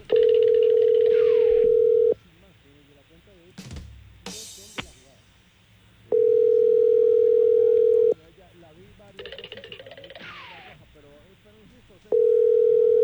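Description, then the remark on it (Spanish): A phone call's ringing tone: three loud, steady, low-pitched tones, each lasting about two seconds, separated by roughly four-second pauses filled with faint, muffled background noise. “Que está llamando tu caballo.”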